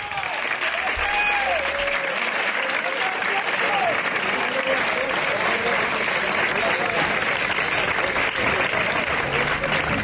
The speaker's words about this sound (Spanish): Lo primero de todo, un abrazo enorme a la memoria y a la familia de Pepe Habichuela. Estas son las palmas a la entrada del féretro en la tarde de ayer.